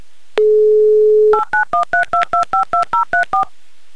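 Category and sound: signal or alarm, telephone number being dialed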